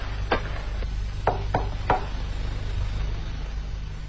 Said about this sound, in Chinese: 有人敲门，原来是自己人。